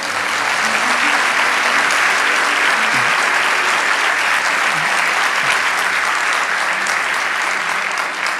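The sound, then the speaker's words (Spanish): Sustained audience applause, a dense, steady wash of many hands clapping at an even loudness for the whole stretch, with no voices standing out above it. “Vamos, dale ese aplauso.”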